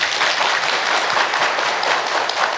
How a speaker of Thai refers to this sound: อยากจะให้นักปกครองทุกท่านปรบมือให้กับท่านส.ส.เลิศศักดิ์หน่อยครับ